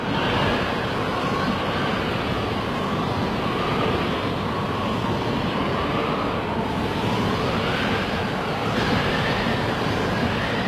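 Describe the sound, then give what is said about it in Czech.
A gale-force wind roars without a break, a broad rushing noise with slowly wavering howling tones that rise and fall in pitch. No one speaks. “A co kdybych větráku ještě přidal a on foukal už pořádně?”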